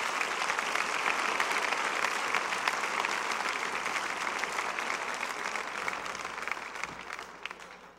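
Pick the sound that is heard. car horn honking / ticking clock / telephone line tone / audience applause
audience applause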